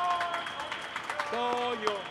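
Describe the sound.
Brief burst of applause, scattered claps crackling steadily for about two seconds while a voice rings out over the clapping near the end.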